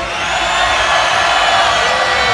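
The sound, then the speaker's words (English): A large festival crowd at Ultra Miami 2017, the left side of the crowd, roars and cheers when asked to make noise, one loud, continuous wash of noise, steady and unbroken for a couple of seconds with no single voice standing out. “All my people on the left side, make some fucking noise right now.”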